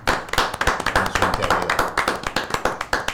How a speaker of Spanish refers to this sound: Un aplauso para Aurora.